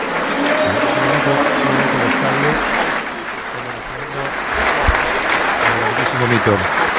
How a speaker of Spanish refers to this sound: Todo Wembley de pie, aplaudiendo en memoria de Kevin Keegan a los 75 años.